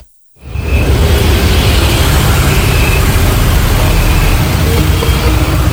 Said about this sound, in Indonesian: Suara mesin kendaraan mulai memenuhi sejumlah stasiun pengisian bahan bakar umum atau SPBU di Banda Aceh pada pertengahan bulan Juni ini. Antrian kendaraan tampak lebih panjang dibandingkan hari-hari biasanya.